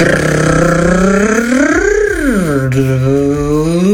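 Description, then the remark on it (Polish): A car engine hums steadily, then revs once in a smooth swell that rises and falls back to a loud, even drone, with no one talking. It is a listener's car, recorded in a voice message sent to RMF Max radio on Messenger to show how the car sounds. “Wystarczyło w głosówce pokazać nam, jak brzmi wasze auto.”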